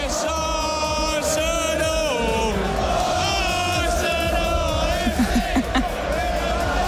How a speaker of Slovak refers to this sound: Inak fanúšikovia po zápase kričali kadečo, napríklad niekto tam stratil kľúče, tak kričali fanúšikovia všetci spolu, whose keys are these? Koho sú tieto kľúče?